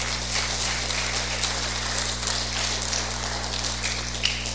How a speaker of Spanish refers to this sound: Entonces, démosle un fuerte aplauso al Señor de agradecimiento.